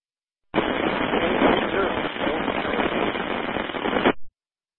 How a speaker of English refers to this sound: Last calling station, you were just a burst of static, and I didn't hear your call sign. You may want to change one of your variables.